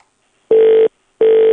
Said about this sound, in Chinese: 稍等，我打一下这个试试。这个号也打不过去呀、啊。我们再打一次